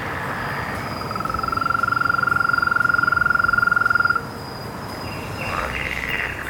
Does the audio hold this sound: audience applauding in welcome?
no